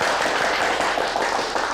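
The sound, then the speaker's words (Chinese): A steady burst of group applause welcoming the director of the subdistrict office, many hands clapping together in a dense, even patter that stays loud and unbroken for its short length, with no voices over it. “鼓掌欢迎！”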